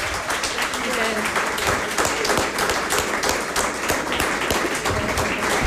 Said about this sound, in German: Dann brauchen wir noch einen krachenden Applaus für die Technik, die das ermöglicht hat, dass man uns überall hören konnte.